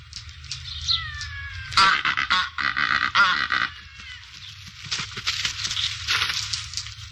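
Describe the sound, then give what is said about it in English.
Cape Barren goose calls: a series of harsh, rasping honks and grunts, with a loud burst early on followed by repeated coarse calls over a low, steady rumble. No one speaks. “The Cape Barren Goose.”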